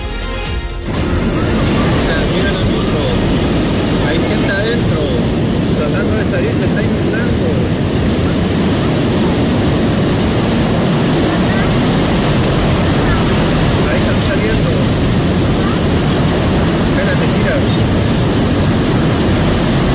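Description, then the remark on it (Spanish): A loud, steady roar of floodwater rushing down General Blanche street in the commune of Las Condes, a dense churning torrent that stays continuous for the whole stretch without letting up. “Parte del sonido del agua que corre este gran torrente por calle General Blanche en la comuna de Las Condes.”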